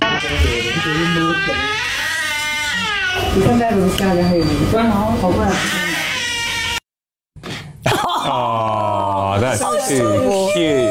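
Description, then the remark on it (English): A baby tiger cub, a TikTok sensation, growls and yowls in a loud tantrum, its whiny, wavering cries running almost nonstop apart from one brief pause before starting up again. “It's a baby, the cutest little tiger, having the biggest tantrum I've ever seen, and now has become a TikTok sensation and got more followers than Kim Kardashian.”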